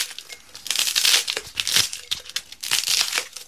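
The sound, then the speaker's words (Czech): Crisp, dry crinkling and squeaky rustling as polystyrene pieces are broken up and crushed into a jar during a timed challenge, in irregular bursts that swell and fade over a few seconds, with no voices. “Já jenom upozorňuji, že všechen ten polystyren se má vejít do té lahve.”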